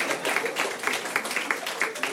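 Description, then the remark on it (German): An audience applauds with a dense, steady clatter of many hands clapping at once, fairly loud and sustained throughout without letting up. “Wer stoßlüftet? Applaus.”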